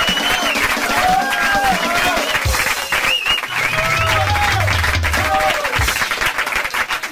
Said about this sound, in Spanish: Fuerte el aplauso, señor.